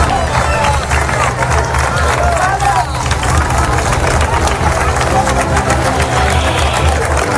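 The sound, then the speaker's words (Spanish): A large crowd of pilgrims applauds the Policía Nacional at the end of a massive mass at Cibeles presided over by the Pope, in a dense, unbroken wash of clapping that stays loud for the whole stretch, with a murmur of voices and a low, steady hum underneath. “Este es el emocionante aplauso a la Policía Nacional cuando finalizó la multitudinaria misa en Cibeles presidida por el Papa el pasado domingo.”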